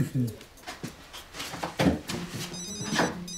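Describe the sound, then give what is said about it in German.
A phone rings with a bright, repeating electronic tone that comes in near the end, fairly clear over background voices and clattering movement. “Hm, klingt nach deinem Telefon.”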